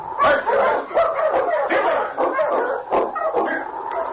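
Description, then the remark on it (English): A pack of sled dogs barks and yips excitedly, overlapping sharp calls in a rapid, busy chorus, loud, with a few higher whimpering yelps mixed in. “Take charge of your dogs”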